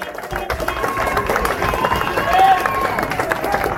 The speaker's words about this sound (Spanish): Bueno, ahí está la gente en el centro, contingente de policías. Aplaudido por la gente. ¡Fuerza, policía! ¡Adelante, seguridad, policía!